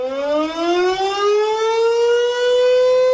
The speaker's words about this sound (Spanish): Las sirenas y las campanas van a volver a sonar en el 90 aniversario del ataque aéreo en el que fallecieron 61 personas, en su mayoría mujeres y niños.